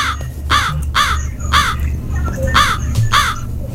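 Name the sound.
crow cawing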